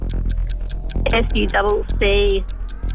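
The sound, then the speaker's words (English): A quiz timer clock ticks in a steady, rapid rhythm from start to finish, its crisp clicks continuing while a contestant spells the word 'succulent' over the middle stretch. “Stop the clock.”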